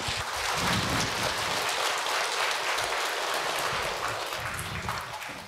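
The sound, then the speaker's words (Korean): Sustained applause from an audience at a ceremony with a progress report and plaque presentation, a dense, steady wash of many hands clapping at once, holding an even loudness for several seconds before easing slightly at the end, with no talking. “박수 한번 쳐주십시오.”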